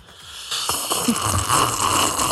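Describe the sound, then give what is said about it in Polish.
A drawn-out, airy slurp of tea, done as loudly as possible in a slurping contest for International Tea Day, a breathy hissing rush that starts abruptly and continues steadily for about two seconds with faint gurgling underneath, and no talking. “Słuchajcie, jaki jest Międzynarodowy Dzień Herbat, no to trzeba sobie siorbnąć taką herbatkę i dokładnie. Robimy konkurs, kto najgłośniej potrafi siorbać.”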